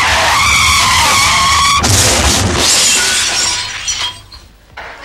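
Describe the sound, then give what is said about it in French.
A car's tires squeal in a long, high skid, then a loud crash breaks in with shattering glass and rattling debris that tapers off over the next few seconds. “Quand tu déboîtes, ça te dérangerait pas de mettre ta flèche, c'est une tradition.”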